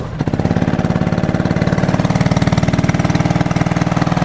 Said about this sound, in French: C'est prêt là, vas-y, fais-nous grandir ton moteur là.